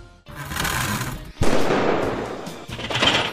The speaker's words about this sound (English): Did you hear that? Loud bang, then buzzing. Relax. It's not a ghost. It's your HVAC system. If your furnace or AC is banging, buzzing, or rattling, that's not normal. It's a warning sign that something's wearing out or about to fail.